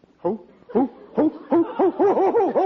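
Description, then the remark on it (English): A man's voice hoots like an owl, starting with a few spaced calls and then speeding into a quick, rhythmic run of rising-and-falling hoots, fairly loud. “What are you hooting like an owl for?”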